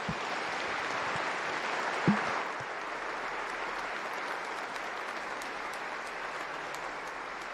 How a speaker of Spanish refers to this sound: Damos un fuerte aplauso por este regalo del sacerdocio.